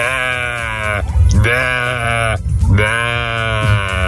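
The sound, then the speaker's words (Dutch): A person does a loud, nasal imitation of a sheep's bleat, meant as a fish that thinks it is a sheep, a few drawn-out wavering baa sounds with brief breaks between them. “Dit is mijn imitatie van een vis die denkt dat hij een schaap is.”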